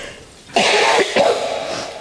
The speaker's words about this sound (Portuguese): Gente, vocês desculpem. Desculpem aí a minha tosse, mas eu tô muito resfriada, inclusive alérgica também.